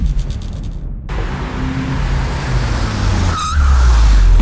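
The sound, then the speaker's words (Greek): A used car's engine roars and revs loudly, with a sharp tyre squeal rising and wavering partway through before the engine surges again, dense and continuous throughout. “Το καινούριο μου αμάξι. Απίστευτο εργαλείο.”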